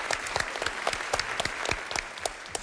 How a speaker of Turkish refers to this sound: Alkışlayalım o zaman bu güzel kuyum için.